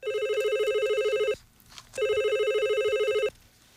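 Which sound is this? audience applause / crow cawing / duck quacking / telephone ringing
telephone ringing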